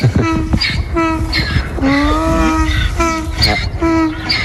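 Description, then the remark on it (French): A donkey named Sirène brays loudly in a long run of rhythmic hee-haws, alternating between a strained high wheeze and a lower honk, repeated about five times with no talking. “On entend sirène là.”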